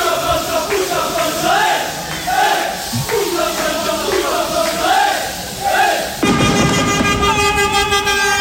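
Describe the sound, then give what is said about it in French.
A jubilant crowd of Corsicans chants and cheers outdoors at night in Bastia, Corsica, celebrating the French national football team's semi-final defeat, with flares lit, while car horns blare repeatedly, ending in a sustained chorus of loud overlapping honks. “Des klaxons et des fumigènes allumés par des Corses qui célébraient hier soir et bien la défaite de l'équipe de France”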